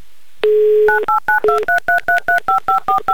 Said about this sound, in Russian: Вот так вот быстро электронно мы набрали номер телефона электронными пальцами за кадром.